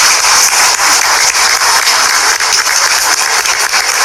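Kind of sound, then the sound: crowd, audience applauding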